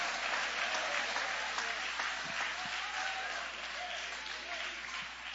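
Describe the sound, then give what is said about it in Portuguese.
An audience with hands raised claps to glorify and exalt God, steadily and continuously, a dense wash of many hands at a constant loud level, with faint voices murmuring underneath. “Levante a mão então, aplaudindo, glorificando, exaltando.”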